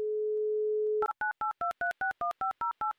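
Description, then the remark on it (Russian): A steady telephone dial tone hums for about a second, then gives way to a quick series of dual-pitched touch-tone beeps as a Humor FM radio host dials a listener in Chelyabinsk for an on-air game, evenly spaced and fairly loud, with no talking. “номер которой я уже набираю.”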